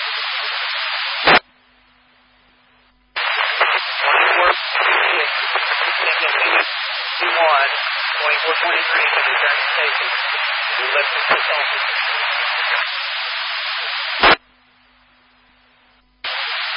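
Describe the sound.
A garbled radio transmission buried in harsh static, with broken voice fragments impossible to make out, bracketed by sharp squelch clicks and brief quiet gaps with a low hum.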